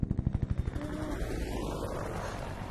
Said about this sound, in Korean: 아, 헬리콥터 소리.